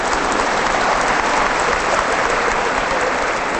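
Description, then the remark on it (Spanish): An audience claps steadily throughout, a dense, loud wash of many hands with no pauses and no voices rising above it. “Pero yo les digo una cosa antes de que se aplaudan, ya se aplaudieron.”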